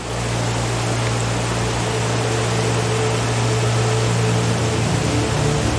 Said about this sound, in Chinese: 在周边的山谷中，大雨已持续数日，随着越来越多的雨水在山间汇集，往日平静的小溪变成了汹涌的洪流，洪水涌向贝拉河，导致河水暴涨。